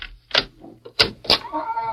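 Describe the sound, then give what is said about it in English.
A hotel room door creaks on its hinges and bumps shut, with a few sharp knocks and a drawn-out squeal at the end; no talking. “Close the door.”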